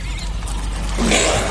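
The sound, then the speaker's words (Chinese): A caracal in a defensive posture growls low and steadily as a warning to a cheetah, the rumbling tone turning harsher and louder in the last half second, with no voices over it. “叟猫的低吼是对猎豹的警告，”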